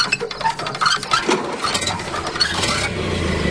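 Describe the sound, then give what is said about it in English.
An old car engine is hand-cranked with metallic rattling and clinking, then catches and settles into a rough, steady low chugging that carries on to the end. “I'll crank it for you, but you'll have to drive it.”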